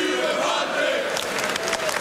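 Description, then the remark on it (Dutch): A darts crowd roars and cheers behind Steven Bunting in his match against Cross, a steady, dense wash of voices, with a few sharper shouts and claps breaking through toward the end. “Nou, het publiek er nog maar eens achter gaat staan.”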